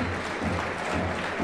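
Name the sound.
crowd applause in stadium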